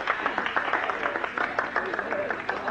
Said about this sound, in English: I watched him whack a tennis ball. Well, an ace. I joined in the gallery applause.